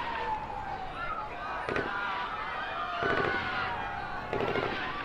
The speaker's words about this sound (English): some sort of military force seems to have arrived, and we are hearing sounds of what seem to be gunfire inside the hospital.